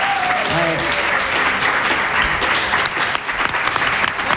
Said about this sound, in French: On peut quand même applaudir la volonté inter-espèce hein, que nous défendons à Radio Combo. Y a un applaudimètre quand même hein, par rapport au défi.